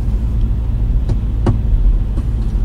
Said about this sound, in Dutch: Ik zit in de auto.